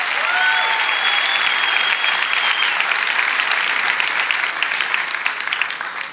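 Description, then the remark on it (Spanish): An audience claps for Jesus in dense, sustained applause that fills the whole stretch, with a few faint whistles rising above it early on and no talking. “Amén, vamos, dale ese aplauso a Jesús.”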